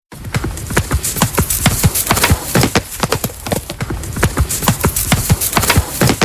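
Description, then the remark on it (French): A horse gallops steadily, its hooves pounding in a fast, rhythmic three-beat pattern of loud thuds that continue throughout without any voices. “Au galop, le cheval, j'ai demandé un cheval au galop.”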